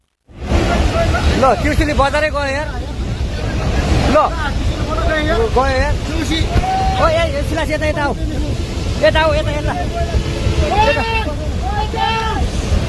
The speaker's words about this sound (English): Panic recorded on that smartphone as water is surging through a town, sweeping away a bridge. The disaster is thought to have been sparked by the collapse of a glacier in the Himalayas.